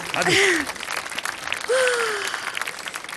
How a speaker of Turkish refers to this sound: Zaten 3 kez çıktık abi. Baksana nasıl alkışlıyorlar. Hadi. Alkışlar dinleyinceye kadar çıkmalıyız.